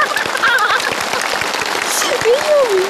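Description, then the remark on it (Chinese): Steady audience applause for a child's magic trick in which a small ball appears, a dense, fast patter of many hands clapping throughout, with a few high, sliding voices cheering over it. “大家都在给你鼓掌”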